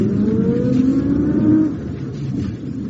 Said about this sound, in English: There's another Rolls pulling up outside the town hall. That'll probably be the mayor's car.